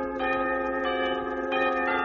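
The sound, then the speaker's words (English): Bells, played by drummers as percussion, ring in a steady sequence of sustained metallic tones, each strike layering bright overtones that linger and overlap, with no voices present. “And some of the drummers played bells.”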